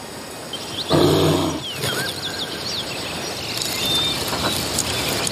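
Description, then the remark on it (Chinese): A young female Asian black bear, exploring alone, lets out one short, rough growl that lasts under a second, over a steady background of chirping birds and a faint insect hum. “亚洲黑熊经常会爬到树上寻找食物，这头年轻的雌性黑熊正在独自探索。”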